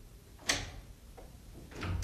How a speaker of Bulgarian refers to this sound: Чувате ли? Някой чука по стъклото. Трябва да отворим прозореца.